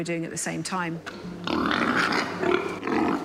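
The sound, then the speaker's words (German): Sows given a limited amount of feed during a research experiment: a couple of sharp, rising squeals, then a steady, rough stretch of grunting, snuffling and chomping that carries on at a fairly loud, even level. “Für den Versuch bekommen die Schweine eine begrenzte Menge Futter.”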